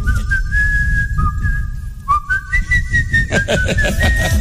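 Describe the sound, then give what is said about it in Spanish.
Someone whistles the melodic tune of a song from a record, holding long steady notes that glide between pitches, over a dense low rumble of background noise, with a brief pause midway before the melody continues. “Bueno, participé en el chiflío del disco...”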